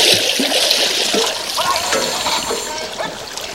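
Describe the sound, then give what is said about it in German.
Churning, splashing water fills the scene as divers searching the riverbed break the surface of an English river, a continuous wash of sloshing and bubbling with no clear voices. “Ah, sie kommen wieder hoch.”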